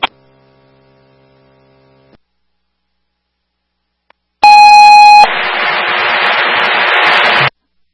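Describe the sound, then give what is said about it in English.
A loud, steady electronic fire dispatch alert tone for a medical call about a seizure, sent to engine 1A1, sounds once for under a second, then cuts straight into a burst of harsh radio static. A faint low hum plays at the start. “Press on fire with a medical shift alarm, 221 Daniel Street, engine 1A1 for the seizure.”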